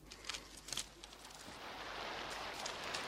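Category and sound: nature, steady rain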